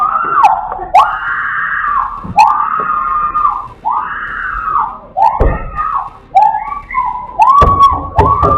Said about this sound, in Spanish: La víctima grita desesperadamente después de que los ladrones le arrancaran las llaves de su auto. Mientras los maleantes intentan encender el vehículo para llevárselo, ella corre a pedir ayuda.